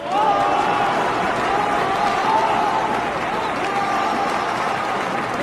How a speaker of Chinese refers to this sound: 让我们以最热烈的掌声欢迎韩国锦团长给我们传达七大的重要精神